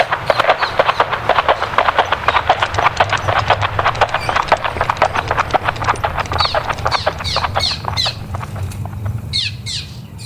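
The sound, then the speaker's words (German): Rapid, steady clip-clop of horses' hooves on a hard path as men ride along crooked, narrow paths, loud, with birds chirping in the background toward the end as the hoofbeats thin out. “Nach einem langen Ritt auf krummen, schmalen Pfaden blieben die Männer stehen, die Pferde verschwanden.”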